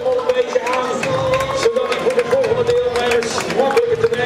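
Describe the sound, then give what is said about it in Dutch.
Loud, dense applause from a crowd as some 600 trail runners, men and women together, set off from the Langstraat on a 16-kilometre Trail Run during the Kustmarathon weekend in Zeeland, sharp claps rattling continuously over a murmur of voices and a steady humming tone underneath. “Allemaal onder luid applaus vertrekken ze uit de Langstraat.”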